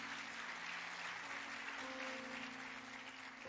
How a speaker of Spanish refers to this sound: Entonces, gloria a Dios, ese aplauso es para el Señor.